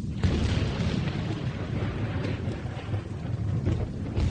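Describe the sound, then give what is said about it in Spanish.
Deep, rolling thunder rumbles without pause through a terrible night storm over an open field, a steady hiss of pouring rain beneath it, loud and continuous with no voices. “En un descampado sin más techo que una espantosa tormenta, el conde de Kent se encuentra con uno de los caballeros del séquito del rey.”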